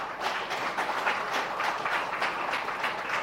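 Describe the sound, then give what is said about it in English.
A crowd applauds a presentation of the government's plan to transform 2 mile road, a dense wash of many hands clapping at an even level throughout, with no voices on top. “And yes, you can clap for that.”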